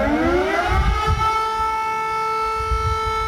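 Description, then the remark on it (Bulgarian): Civil defense sirens sound at exactly 12 o'clock noon over the central parts of a town as citizens bow their heads in tribute to fallen heroes, wailing steadily, rising at first and then holding a sustained harmonic drone, loud and continuous, with low rumbling noise underneath and no talking. “Точно в 12 часа зазвучаха и сирените, при които всички граждани по централните части на града преклониха глави пред героите.”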